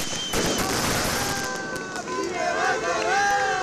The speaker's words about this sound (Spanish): Lo hacían entre bengalas, aplausos y gritos de apoyo por parte de trabajadoras y trabajadores de otras empresas de Aiaraldea que también pasan por conflictos laborales.